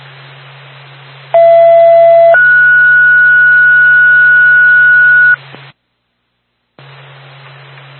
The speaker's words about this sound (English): Second tone for the Woods Hole Ambulance backup crew, 75 Willis Avenue.